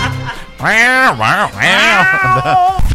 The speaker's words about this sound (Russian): Мяуканье бывает разным. Злишься, мяукаешь агрессивно, тревожишься жалобно, расстроен с надрывом.